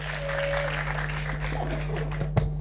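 An audience at a jazz concert claps in a steady, dense patter that holds at an even level throughout, over a low constant hum, with one sharper burst standing out near the end.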